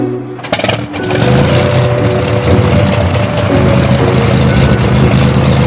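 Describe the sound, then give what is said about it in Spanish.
An aviator starts an airplane engine: it coughs to life with a short sputtering burst, then settles into a loud, steady, droning roar with a low throbbing hum that continues without any talking. “El aviador había escogido precisamente ese momento para despertarse y poner en marcha el motor.”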